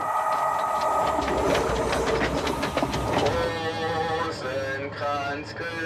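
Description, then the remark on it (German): A pilgrimage train rumbles steadily along the rails with a dense, loud mechanical roar and rhythmic clatter, then shifts to a smoother drone with high tonal squeals and hums toward the end. “Wallfahrt per Eisenbahn gibt es schon lange.”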